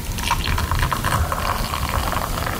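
Water pours steadily into a black mug for a couple of seconds during a magic trick, a continuous splashing trickle with a gurgling, filling quality and no talking.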